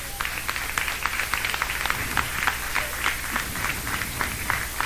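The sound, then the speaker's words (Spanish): An audience claps hands to God during a church sermon, many sharp overlapping claps forming a dense, rhythmic patter at a fairly even level throughout, with no clear voices on top. “Dan palmas a Dios, hermanos.”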